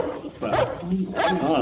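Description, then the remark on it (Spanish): Dogs bark and whimper in two short bursts of yelping, whining cries, with a muffled background murmur between them. “Pero alejen estos perros, hombre.”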